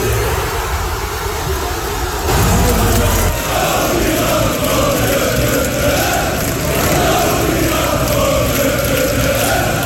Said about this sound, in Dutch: Honderden mensen die samen naar de wedstrijd keken in Tivoli-Vredenburg in Utrecht, die konden juichen in de 72e minuut.